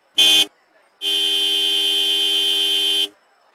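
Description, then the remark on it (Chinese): A harsh car horn honks twice outside at around three o'clock: a quick short blast, then after a brief pause a loud, steady blare held for about two seconds, with no one talking. “可是到了差不多三点钟，外面传来刺耳的汽车喇叭声。”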